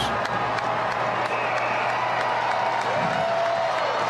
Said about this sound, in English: Start to hear a bit of cheer in the stands, and it is a big house here tonight at Great American Ballpark.